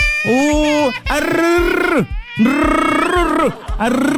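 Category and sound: human body sound, baby crying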